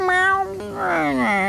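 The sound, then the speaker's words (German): A cat named Tiger meows twice, fairly loud: a short, steady cry followed by a longer, drawn-out meow that slides downward in pitch. “Alle, außer der Katze Tiger.”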